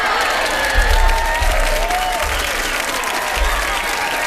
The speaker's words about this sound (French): Oh, bravo! Oh. Ouais, tout Ouais! Ah! La foule est en délire!